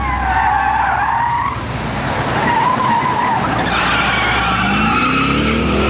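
A car skids with loud, sustained tire squeals that rise and fall in pitch, over a steady engine rumble, continuous for several seconds.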